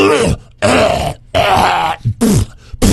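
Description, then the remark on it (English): A voice loudly imitates morning throat clearing, with four harsh, rasping, forceful grunts and hacks in quick succession, separated by brief pauses. “Clearing his throat super loud.”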